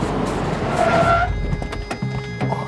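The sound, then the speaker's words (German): A car skids through a sharp handbrake turn, its tires letting out a brief high squeal over loud, rough engine and road noise, followed by the engine rumbling on. “Handbremse! Halt fest!”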